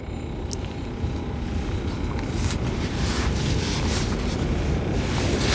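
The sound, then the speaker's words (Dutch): Steady wind blows across the microphone in a constant low rumble, with gusty buffeting swells and a faint hiss of open air, no voices present. “hoor dat er een beetje wind is, zodat die ratelslang toch een beetje kan gecounterd worden.”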